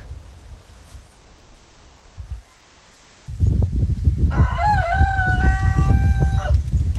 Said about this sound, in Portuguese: Olha só, galo inglês, hein? Esse é chique.